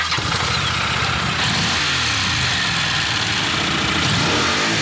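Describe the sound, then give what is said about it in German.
A Honda NC 750X motorcycle engine starts up and revs repeatedly, its low rumble rising and falling loudly and steadily throughout with no one speaking. “Das ist das gute Stück. NC 750X. Eine Honda.”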